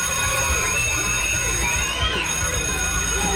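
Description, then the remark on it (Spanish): A loud, continuous radio contest alarm sound effect, signalling listeners to call in, fills the whole stretch, harsh and dense with shrill ringing tones and rising, sweeping pitches. It plays on its own without any talking. “Cuando escuchen esa alarma, significa que deben de llamar rápidamente a cabina para que participen.”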